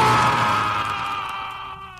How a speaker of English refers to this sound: He hasn't stopped screaming in 2 weeks. The Telltale Heart.